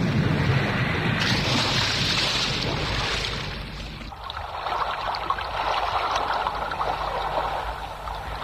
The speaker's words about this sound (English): He was right. His God did send the storm.